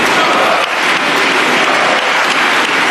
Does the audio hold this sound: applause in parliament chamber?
yes